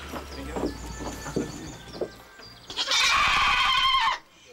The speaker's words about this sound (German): Spiele spielen nach Tierpflegerregeln passt den Ziegen so gar nicht. Lauter Protest ist die Folge.